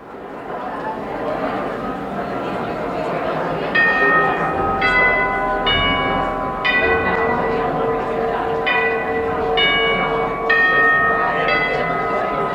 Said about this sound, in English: You're listening to The Chimes at Hines Hall for the Performing Arts, letting music lovers know you can't linger in the gift shop or sip your Pernod one moment longer. It's just about time for the concert to begin.